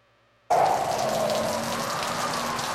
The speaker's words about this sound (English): It's a stormy night on Interstate 80. You're driving east, and the rain is coming down heavy on the windshield.